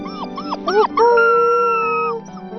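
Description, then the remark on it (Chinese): A young wolf named Gege howls for the first time, giving a few short, wavering yips that rise into one high, steady howl held for about a second, fairly loud, over a low background hum. “格格第一次发出了狼嚎。”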